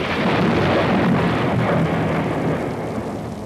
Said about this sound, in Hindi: ये बरसात तो बहुत जोर की हो रही है।